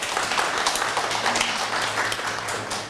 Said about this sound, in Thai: ครับเยี่ยมมากเลยอ่ะปรบมือให้เพื่อนหน่อยเด้ว